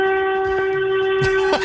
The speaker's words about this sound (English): That's a horn.